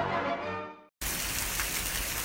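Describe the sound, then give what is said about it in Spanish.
A tonal musical phrase ends abruptly, and after a brief gap a steady, dense hiss of falling rain takes over, loud and even, with no voices. “Corazón, qué padre sería poder retener un poco de agua de estas lluvias para regar el jardín.”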